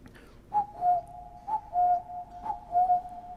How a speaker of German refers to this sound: Und dann im Chor selbst. Ja, den Kuckuck haben Sie rausgehört.